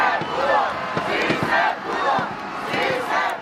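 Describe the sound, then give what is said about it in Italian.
A large crowd in Mexico chants the slogan "Sí, se pudo" in loud, rhythmic unison, celebrating their team, the massed voices rising and falling in repeated phrases with a steady, roaring texture throughout. “Rimangono tante emozioni perché una squadra sottostimata che ha superato le aspettative ha regalato preziosi momenti di orgoglio, così come urla la folla. Sì, se pudo.”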